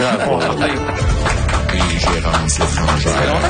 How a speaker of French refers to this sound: On applaudit pas assez souvent, mais vous applaudissez trop longtemps.